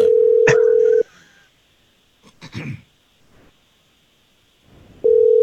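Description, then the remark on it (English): A steady electronic ringback tone sounds for about a second, followed by a quiet pause with a brief rustle or throat-clearing, then the tone starts again as the outgoing call from the Jesse James Morning Show radio program keeps ringing. “We're gonna call Sydney here, and I just need okay. I just need you quiet on the phone while we do this, okay?”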